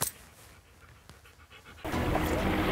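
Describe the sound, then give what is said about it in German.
A dog pants in quick, rhythmic breathy huffs for a couple of seconds before a louder, steady wash of noise swamps it. “Was für ein toller Hund.”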